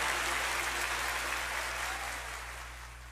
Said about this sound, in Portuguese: Aplauda o Senhor.